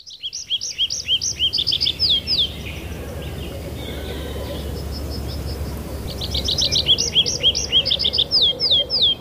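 tree pipit song

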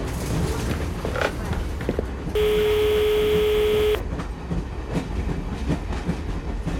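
moving train

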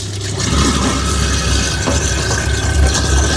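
food waste grinder running

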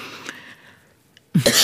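coughing

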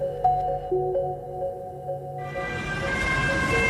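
ambulance siren

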